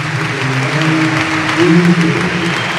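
A large football stadium crowd gives a sustained ovation to Valencia captain Gaya as he is substituted off for Jesús Vázquez, dense clapping blending into a steady roar with a murmur of voices beneath, loud and unbroken from start to finish.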